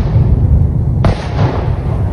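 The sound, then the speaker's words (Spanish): A sudden explosive blast cracks out about halfway through, over a constant deep rumble that continues afterward, from a massive Russian missile strike on the Kyiv region of Ukraine during the night from Saturday to Sunday. No one speaks. “Según las autoridades ucranianas, se escucharon fuertes explosiones en toda la zona durante la noche del sábado al domingo, y los misiles llegaron a edificios residenciales y varias escuelas.”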